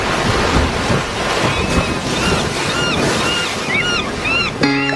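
Ocean waves and surf wash steadily in a broad, continuous roar, with wind buffeting the microphone and a few gull-like chirps overhead; near the end a faint tone briefly appears.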